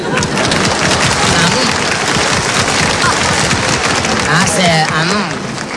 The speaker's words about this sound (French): Ces messieurs, dames applaudissent.